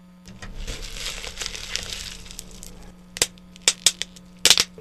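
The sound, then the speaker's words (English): Bubble wrap crinkles and rustles as it is handled, then gives about five sharp, loud pops at irregular intervals, some in quick pairs, over a faint steady hum. “Dude, do I hear bubble wrap?”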